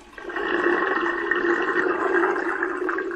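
A toilet flushes after being used, a steady, loud rush of water that starts abruptly and keeps gushing evenly for about three seconds, with no voices.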